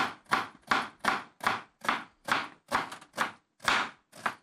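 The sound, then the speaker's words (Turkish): Steady knife chops on a cutting board, about a dozen crisp strikes in a regular rhythm as an onion is sliced into rings, with no talking. “Soğanlı piyaz mı istiyorsun? Aynen, bunu da halka yapacağım.”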